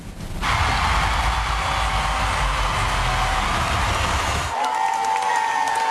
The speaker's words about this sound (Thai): ใช่ ก็ท่ามกลางเขาบอกว่าเสียงปรบมือดังกึกก้องกันทั่วทั้งหอทีเดียวไปชมภาพบรรยากาศกันครับ